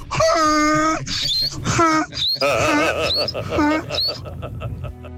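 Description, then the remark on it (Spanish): A radio listener imitates a donkey's bray as their hidden talent, with loud, strained vocal hee-haws, several rising squeals alternating with lower groaning pulls over about five seconds, then trailing off. “Mi talento oculto es el burro.”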